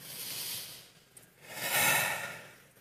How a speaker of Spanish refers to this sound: Y ese nervio se puede activar con la respiración, una respiración parecida a esta.